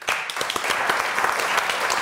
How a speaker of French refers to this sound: On l'applaudit.